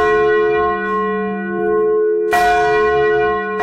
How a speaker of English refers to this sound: Those sounds were heard for the first time Saturday night at St. Mary's when they unveiled a new bronze church bell secretly installed last week after it was shipped from a New England church.